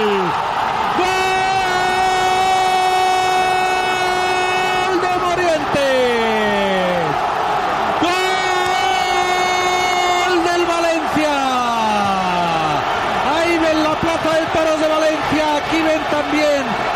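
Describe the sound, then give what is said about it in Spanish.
A stadium crowd at Estadio Vicente Calderón roars without letup after Morientes scores for Valencia in the 83rd minute, while a man's voice holds long, drawn-out shouts that rise and slide down in pitch over the din. “Estadio Vicente Calderón se viene abajo.”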